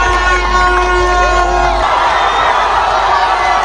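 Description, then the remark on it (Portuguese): A large stadium crowd erupts in a sustained roar of cheering for a goal, Cabo Verde's first World Cup goal, scored by Kevin Pina against Uruguay. Loud and dense throughout, with whistles and shouts over a low rumble that eases slightly partway through. “Agora sim, um grito de gol.”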